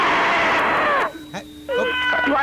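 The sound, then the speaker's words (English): A caller on a radio show's phone line screams: a loud, sustained high-pitched scream lasting about a second ends in a falling wail, followed by a brief quieter vocal sound and then a second, shorter wavering cry. “Please scream for us.”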